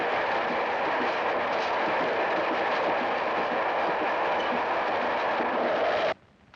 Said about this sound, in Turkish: Şimdi karşı yola tren gelir.